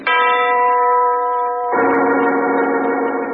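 A huge tower clock overlooking a house in the country strikes twice, each loud, resonant bell stroke ringing on without fading, the second one lower and fuller in pitch. No voices are heard.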